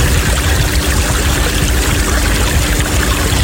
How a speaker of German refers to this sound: Vom Strand, wir haben so ein bisschen die Kinder noch, ja, vom Strandbad, richtig schön.